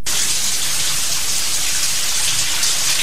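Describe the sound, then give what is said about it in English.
A shower in a film's shower scene runs steadily with a dense, hissing spray of water, loud, continuing without a break and with no voices. “It's raining. It's not. It's a shower. Oh, it's a shower scene.”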